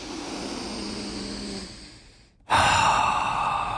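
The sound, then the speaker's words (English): A slow, audible deep breath taken as a breathing exercise: a long, airy inhale fading out, a brief pause of silence, then a loud, forceful exhale. “We're about to talk about traffic, so let's do our breathing exercises.”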